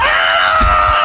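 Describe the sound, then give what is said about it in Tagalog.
A loud, sustained jeepney horn blare with a shrill, scream-like tone, holding steady for about a second with no talking. “Yung mga jeepney ngayon, ang magiging busina nila, ganito ang tunog.”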